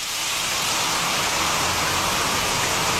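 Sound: rain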